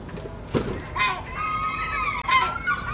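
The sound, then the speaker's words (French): A baby gull stuck in a gutter calls out in a few shrill, wavering cries that run into each other, loud against a steady background hum. “Et le pompier qui va récupérer le bébé goéland dans la gouttière,”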